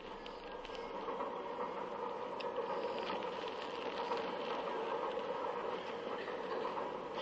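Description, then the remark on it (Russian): Steady rumbling roar inside a compartment of a moving passenger train from Moscow to Odessa, with a continuous mid-range drone and faint rattles and clatter from the wheels and fittings throughout, no voices. “Купе вагона в поезде Москва-Одесса.”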